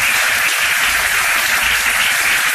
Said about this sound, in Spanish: Una ovación que ha durado bastantes minutos